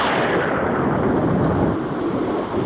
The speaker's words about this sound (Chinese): 这些乌云只代表了一件事。 等一会儿会下大雷雨吗？